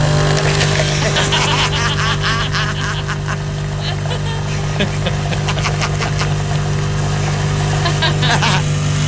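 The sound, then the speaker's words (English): A coffee maker runs with a steady, loud mechanical hum, overlaid by warbling, gurgling bursts that rise and fall irregularly throughout. “This is the sound of our coffee maker.”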